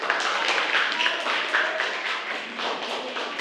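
A group claps together in a dense, steady burst of applause lasting a few seconds, with many overlapping hand claps at fairly even loudness throughout.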